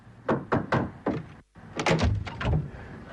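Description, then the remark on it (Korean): Knocking on a room door in a radio drama scene, a character knocking on another's door: two sets of sharp, close raps, several quick knocks, a brief pause, then another cluster of firm knocks with no voices. “한목지가 사존의 방문을 노크한다.”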